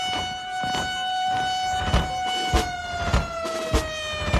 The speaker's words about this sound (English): It's not just the big sounds you remember. I remember little ones, too. Lackland's noon siren.